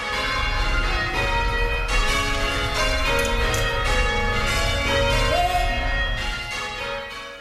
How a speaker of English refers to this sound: Christchurch is marking 90 years of bell ringing this month.